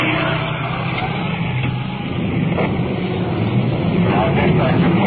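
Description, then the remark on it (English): A large fire truck rumbles past a vehicle pulled over at the curb, its heavy engine drone steady and loud throughout, with muffled voices faintly mixed underneath. “We've pulled over the curb to allow a big bumper truck to roll past us.”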